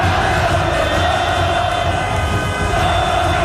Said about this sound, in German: Und apropos Fans, Watson berichtet von Ausnahmezustand in Zürich und zeigt in einem Video hunderte von feiernden Fans beim Bahnhof Hartbruck. Dort in der Umgebung gibt es verschiedene Public Viewings.